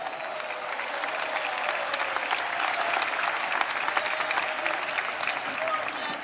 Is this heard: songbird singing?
no